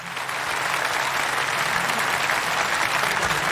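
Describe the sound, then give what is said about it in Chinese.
An audience of about 100 people bursts into steady, dense applause as a performer is welcomed back to the stage, a sustained wash of clapping that holds at an even, fairly loud level throughout with no talking over it. “来吧，掌声再次有请”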